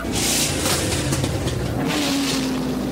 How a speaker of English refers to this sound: They're cranking up the engine.